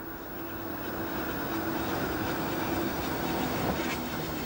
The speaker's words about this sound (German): Einfahrt im Bahnhof Mittenwald, direkt am Fuße des Karwendelgebirges gelegen.